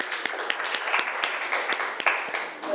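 A group of students in a class clap together for a classmate's answer in steady, dense applause, with sharp individual claps popping out irregularly over a continuous bright patter for the whole stretch.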